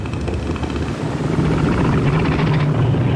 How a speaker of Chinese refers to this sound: 雄性北象海豹的叫声各不相同，便于互相识别。其他雄性能通过叫声知道海滩霸主的位置，并主动避开。